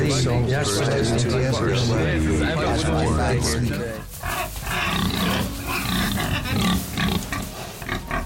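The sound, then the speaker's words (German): Loud, continuous pig grunting mixed with a dense layer of men's chatter, with rough, snorting grunts taking over in the second half and running to the end. “Na, vorher war halt sehr, sehr viel männliches Gerede und Schweinegrunzen erklärt sich ja dann von alleine”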